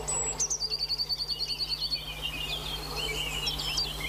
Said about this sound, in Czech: No, tak co sýkorka?